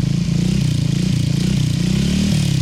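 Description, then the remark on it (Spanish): A motorcycle engine roars loudly and steadily, its low throaty rumble climbing in pitch as it revs up near the end, with no voices over it. “Acelera la moto.”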